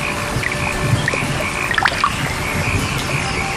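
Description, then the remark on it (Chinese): Steady patter of summer raindrops splashing into the shallow water of an early rice paddy in Zhengwu town, Zengcheng, Guangdong, with a dense wet hiss and scattered sharper drips, moderately loud throughout, no voices. “听，雨滴溅起早稻的清香。”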